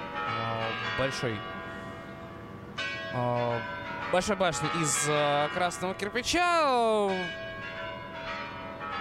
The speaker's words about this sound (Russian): Москва, Красная площадь и прямой эфир. Звучат куранты на Спасской башне.